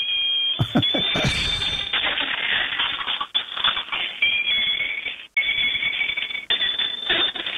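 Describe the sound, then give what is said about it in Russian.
A moving toy bicycle, its rider's legs pedalling and a cow head on the rider's head, makes loud, continuous noise: shrill electronic beeping tones over a busy mechanical clatter and whir, with a couple of brief breaks before it carries on. “Есть велосипед, который едет и издает звуки.”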